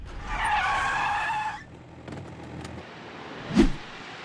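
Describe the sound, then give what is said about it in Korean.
A truck's tires squeal loudly as it brakes hard to a stop, a harsh sustained screech lasting over a second, followed by a quieter rumble and a short thump. “트럭을 멈춰라!”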